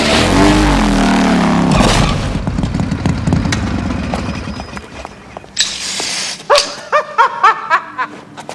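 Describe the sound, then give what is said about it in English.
A motorcycle engine roars, then its rider, a dentist, crashes into a wall with a heavy crash and clattering debris, followed by a dog barking several times in quick bursts. “The dentist crashes into a wall on his motorcycle.”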